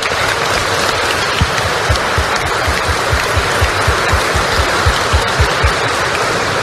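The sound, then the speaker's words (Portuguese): A church audience applauds the grandparents present, a steady, dense wash of many hands clapping with no voices, holding a fairly even loudness throughout the few seconds. “E aos avós presentes aqui em nossa igreja, uma salva de palmas.”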